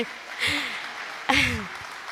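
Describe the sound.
A church audience applauds steadily for the Lord Jesus Christ and for a birthday celebrant, a dense wash of clapping, while two bursts of voices whoop and cheer loudly over it.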